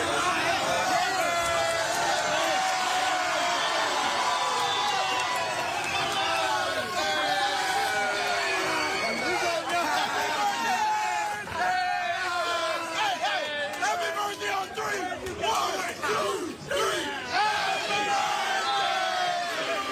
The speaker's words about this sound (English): Many of us recognize the scene from our days in high school. Yeah, it was like every day at mine. A lot of commotion, circle forms, people start yelling. Yeah, sure enough, scrap is broken out.